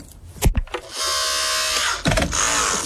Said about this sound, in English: I've now got the big giant tool. It's so heavy, and it's the thing that's going to pop this thing open. The jaws of life. Mm. The jaws of life, that's it. Otherwise known as the big giant tool. Here we go. Oh, wow. It's electric? It's jaws, man.